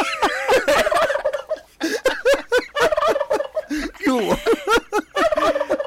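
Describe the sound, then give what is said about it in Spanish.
A turkey gobbles loudly, letting out a rapid series of rattling, warbling calls in several bursts with brief pauses between them, with no talking. “Mira qué bueno, ya te tengo el guajolote.”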